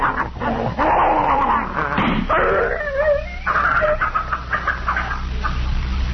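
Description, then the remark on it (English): A poisoned dog named Tiger, being held and trying to bite, yelps and whimpers in distress, its strained high cries rising and falling in a continuous struggle for several seconds, with no talking. “I never thought you had it in you to shoot even a dog,”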